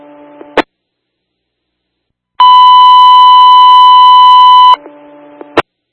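A loud, steady electronic dispatch radio alert marker tone holds for about two seconds, bracketed by short clicks and brief lower tones before and after, with silence in between.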